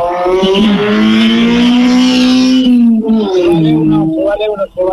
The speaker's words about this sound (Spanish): Se va el último auto, ahí se fue recién Toti Marinero, así que ahí está acelerando el 147